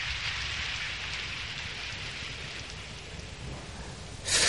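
Heavy rain pours down in a steady, dense hiss, with a continuous low rumble of thunder underneath and a sudden louder surge right at the end. No voices.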